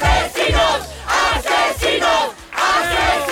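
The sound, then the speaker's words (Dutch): A crowd of hundreds of demonstrators in front of a house door shouts the chant "Moordenaars" (murderers) in loud, rhythmic bursts, roughly five repeated phrases with brief gaps between them, many voices blending into a raw, forceful roar. “Moordenaars schreeuwen ze.”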